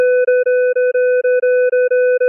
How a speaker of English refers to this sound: how you interpret this upcoming series of tones may be a reflection of your upbringing